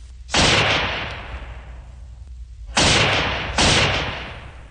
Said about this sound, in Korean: 갑자기 귀척을 찢는 듯한 총소리가 울리며 총알이 머리 위로 지나갔다.